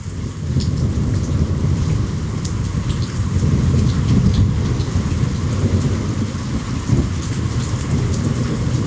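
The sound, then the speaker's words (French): Steady heavy rainfall of the first rain of the year hisses and patters on surfaces during a thunderstorm in Ouidou, recorded on 20 July 2023, while a deep, continuous rumble of thunder rolls underneath, with scattered drips and splashes throughout; no voices present. “On peut écouter le son de la première pluie de l'année et de l'orage à Ouidou.”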